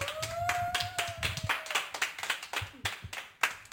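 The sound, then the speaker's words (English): An audience applauds with dense, irregular clapping that holds steady throughout, while a high sustained whistle rings out over the claps during the first couple of seconds, following a performance of the piece How Can I Tell This to My Father? “Okay, wow, could we get another applause, please?”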